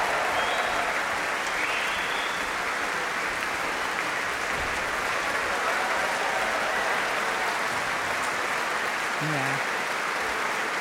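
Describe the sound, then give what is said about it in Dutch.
Sustained, dense applause from a large concert audience in Rotterdam, given for the bass drum percussionist, at steady loudness, a continuous wash of clapping with no pauses, and a brief tonal murmur near the end. “En dit applaus was voor Martijn Boom.”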